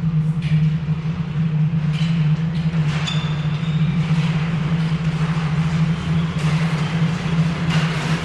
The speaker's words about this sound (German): Die Sonne tauchte als blutiger Fleck hinter den Horizont, als ein Zug in Dornbergs Bahnhof einfuhr.